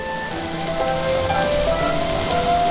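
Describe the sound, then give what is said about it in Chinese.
Steady, crackling sizzle of food pan-frying golden in hot oil, a dense hiss with scattered pops running the whole time at an even loudness, with faint tonal hum underneath and no one speaking. “真的是金黄，煎的多好呀！这个火候。”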